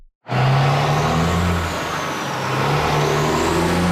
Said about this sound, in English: The sound of truck traffic is nothing new in Manitic. Community members have been raising safety concerns about it for years.